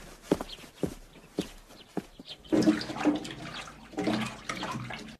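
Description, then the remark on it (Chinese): A few sharp footsteps or knocks, then a tap starts running in a steady, hissing stream, with splashing that shifts as someone washes their hands under the water. No one speaks. “哎，不干不净，那个，哈，别瞪眼啊，你对啊，去去洗手去啊。”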